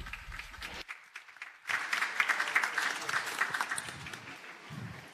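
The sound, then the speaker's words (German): Applause from an audience gathered in the heat and sun to welcome a speaker giving a testimony from America. A dense wash of many hands clapping swells after a brief lull and carries on steadily, fairly loud, with a hint of voices beneath. “Bitte begrüßt sie mit einem lauten Applaus.”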